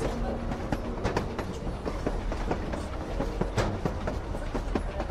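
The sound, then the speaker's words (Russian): A train rolls steadily along the tracks, a continuous low rumble broken by sharp, irregular clicks and clacks from the wheels, fairly loud, with no voices. “Тихо-тихо в полях после грохота поезда.”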